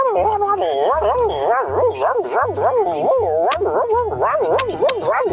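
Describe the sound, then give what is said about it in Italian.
A Labrador dog whimpers and yips while restless in its sleep, in a steady stream of high, wavering whines that rise and fall rapidly for several seconds, with a low pulsing hum underneath. “allora devo portare anche il mio cane, mia, il mio Labrador, perché quando dorme è lì che si agita tutta.”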